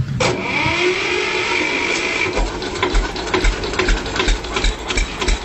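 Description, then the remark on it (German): A vintage Steyr 15 tractor engine runs with a steady drone and a whining tone at first, then settles into a rhythmic, low, thumping chug. No one speaks. “Steyr 15. Ja, um solche Traktoren geht es jetzt auch, gell, in unserem Gespräch.”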